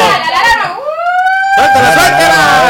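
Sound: alarm siren sound effect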